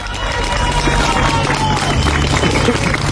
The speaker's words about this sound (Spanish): Aplausos para celebrar un rescate después de 72 horas atrapado. Casi no lo esperaban.